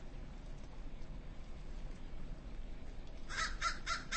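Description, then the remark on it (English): A few harsh caws from a group of crows known as the Saddleback Mountain Murder, being fed, burst out in quick succession near the end, after several seconds of steady outdoor rumble and hiss. “We are listening to some crows being fed.”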